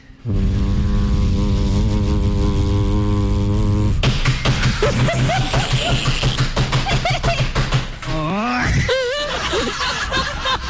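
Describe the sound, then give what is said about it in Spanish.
A voice imitates a washing machine's spin cycle, starting with a steady, buzzing drone, then shifting into a fast, pulsing rattle and ending in wobbling, moaning vocal glides. “No, y esa lavadora parece que fuera a ir.”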